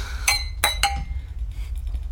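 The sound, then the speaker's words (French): Three glasses of wine clink together in a toast, three bright ringing touches in quick succession, followed by a few softer faint taps over a low background hum. “Je trinque à votre bonheur.”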